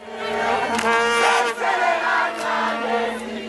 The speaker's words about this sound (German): Seit 5 Jahren hat der Trainer das südafrikanische Bafana Bafana Team aufgebaut. Jetzt also dieser 2:1 Triumph gegen Südkorea. Und auf einmal ist der Jubel in der Heimat ganz groß